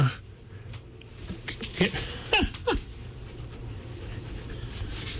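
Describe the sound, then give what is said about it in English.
A big dog moves around in a studio, walking between someone's legs, its soft panting mixed with a few brief scuffs and clicks that cluster in the middle, over a quiet room hum. “we have visitors in the studio, and I have a strange dog walking between my legs.”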